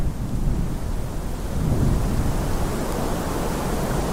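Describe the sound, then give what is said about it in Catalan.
The wind of a snowstorm roars in a steady, deep rumble that never lets up across the few seconds, loud, with no voices or other distinct sounds, during the first snowfall of winter over the village of Guadalaviar on 11 December 2017. “Avui és 11 de desembre de 2017 i està caient sobre Guadalaviar, el poble que també rep el nom del riu, la primera nevada de l'hivern.”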